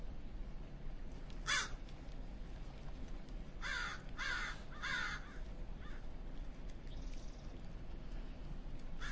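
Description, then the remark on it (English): Crows being fed caw outdoors, a named group known as the Saddleback Mountain Murder: one harsh call, then a quick run of three or four rasping caws, against a steady low background hiss. No one speaks. “We are listening to some crows being fed.”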